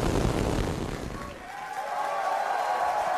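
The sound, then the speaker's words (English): A SpaceX Starship rocket lifting off from its new launch pad in Texas: a loud, continuous roar with deep rumbling that fills the first half, then thins into a higher, rushing roar that holds steady to the end. “SpaceX employees cheered as the rocket blasted off from its new launch pad in Texas.”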